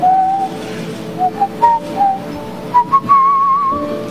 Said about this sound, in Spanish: Así. Todavía silbo.